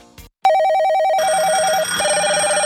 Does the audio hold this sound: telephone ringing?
yes